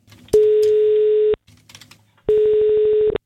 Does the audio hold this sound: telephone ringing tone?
yes